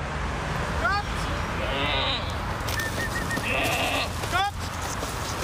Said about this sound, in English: A herd of goats are guardians of this landfill. Belated Christmas gifts, fresh needles and delicate bark for these very special residents. They are endangered Pinzgauer goats, bred especially for the mountains of Western Austria.